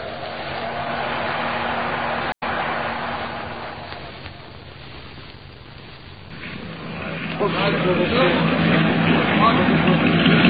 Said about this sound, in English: Well, the wind is getting stronger, if anything. That's a mighty small launch for so much angry water, Sergeant.